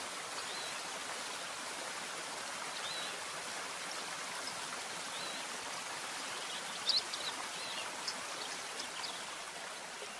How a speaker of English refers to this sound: Rivers running through the canyons maintain moisture in the air.